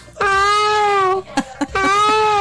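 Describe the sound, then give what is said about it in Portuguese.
A cat gives two long, thin, plaintive meows, each about a second, loud, separated by a couple of soft clicks, with no talking; a weak kitten-like meow in place of a lion's roar. “E não é leão, não, virou um gatinho, foi.”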